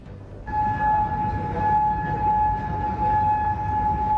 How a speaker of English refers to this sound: Sirens ring out in Kuwait as it intercepts more Iranian missiles.